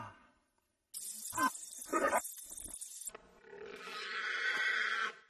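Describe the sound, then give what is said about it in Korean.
Harsh, rough animal grunts and snorts from a wild boar, loud, coming in two short bursts and then a longer raspy growl that fades out. “자, 그럼 시간을 되돌려서 다시 멧돼지를 만나볼까요?”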